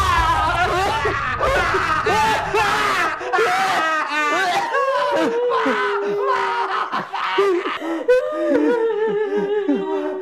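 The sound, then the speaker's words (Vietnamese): Close, fairly loud crying and whimpering that wavers in pitch, with broken sobs and drawn-out moaning wails running throughout, over a low rumble during the first few seconds. “Nghe là cái tiếng khóc nó ngay đây nè.”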